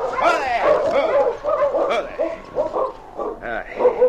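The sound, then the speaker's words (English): A pack of sled dogs in a dog team barks and yips in a dense, overlapping chorus, loud, with high whining cries mixed in and no pause throughout, in thick snowfall at the edge of the town of Deer Creek. “nobody saw the two-man and dog team as they plodded through the thick snowfall.”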